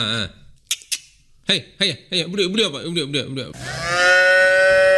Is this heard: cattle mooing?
yes